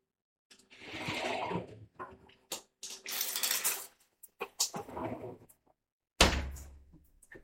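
A shower being turned on: clunks and knocks from the fixture, then uneven bursts of hissing spray that start and stop, ending with a heavy thud.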